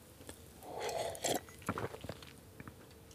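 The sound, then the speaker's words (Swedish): A quiet sip of water with a short slurp, then a couple of soft swallows and small wet mouth clicks, heard alone with no talking. “Och då ska jag ta med en klunk vatten.”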